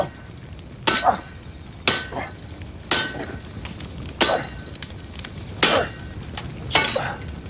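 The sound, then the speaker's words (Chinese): A hammer clangs on hot iron being forged into a knife in a steady rhythm, about seven sharp ringing blows roughly a second apart, fairly loud, with a faint metallic hum between strikes. “就抡嘛，就砸嘛！”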